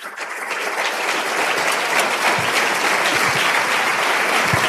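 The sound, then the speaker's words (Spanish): A crowd of many people claps together in sustained, dense applause that swells quickly and holds steady, a broad, even patter of hands. “¿Cuántos le dan un aplauso ahí?”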